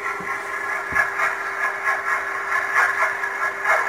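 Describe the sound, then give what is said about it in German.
A steady underwater mechanical drone with a constant low tone and a dense band of hiss, pulsing in a slow, regular rhythm as a container ship's propeller churns the water, picked up by a sonar buoy. “Das ist ein Überwasserdampfer, ein Containerschiff im Leben.”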